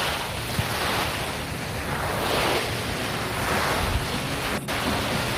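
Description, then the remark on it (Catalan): Ocean waves rolling in and breaking on shore in a continuous, loud wash of surf, with swelling surges every couple of seconds and wind rumbling underneath, no voices. “Posa'm al mar.”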